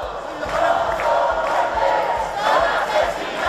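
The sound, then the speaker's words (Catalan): A large crowd of protesters in Madrid at the Congress of Deputies shouts "assassins" and "shame" together in a steady, loud roar, with rhythmic chanting bursts and low thumps pulsing beneath the mass of raised voices. “Ahir vespre, poc després que es conegués la notícia, molts dels acampats a Madrid es varen desplaçar cap al Congrés dels Diputats en crits d'assassins i vergonya.”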